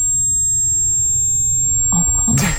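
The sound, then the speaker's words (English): A thin, steady high-pitched ringing tone, like ringing in the ears, holds unbroken over a low muffled rumble, with a short burst of rustling noise near the end. “All he can hear is ringing in his ears.”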